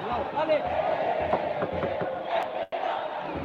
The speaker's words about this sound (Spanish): Empieza a jugar con los celulares la gente, la hinchada de Puerto Montt. Se nota, se escucha clarito el cántico de la gente de Puerto